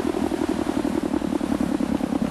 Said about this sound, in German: mach den Motor aus.